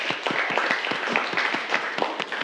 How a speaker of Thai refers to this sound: ปรบมือให้กับเพื่อนเลยนักเรียน